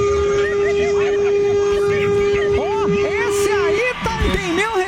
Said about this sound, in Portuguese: Esse aí tem meu respeito, hein? Buzina até umas horas.